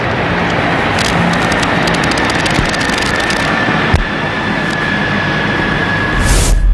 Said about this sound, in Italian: fumi tricolori anche dagli elicotteri della Marina Militare Italiana che stanno passando in questo momento al termine proprio dell'inno Tim Ameli sul luogo della cerimonia.